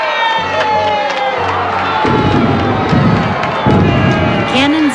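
A large crowd of people packed on boats of all kinds filling the Hudson River in New York cheers and shouts continuously for George Washington's arrival, a dense wall of voices with rising whoops and yells, loud throughout, with low thumping rumbles underneath.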